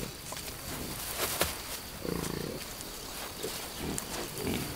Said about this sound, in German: In trockenen Sommern ist der Boden steinhart gebacken. Dann müssen sich die Schweine besonders anstrengen, wenn sie Nahrung ausgraben wollen.